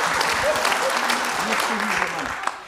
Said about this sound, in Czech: No tak, dámy a pánové, jsem rád, že je tady někdo, kdo nejede ten antibabiš, kdo mě má rád, a to je Marie Formáčková. Je to pravda, je to ona. Zatleskejte.